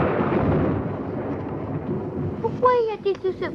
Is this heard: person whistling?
no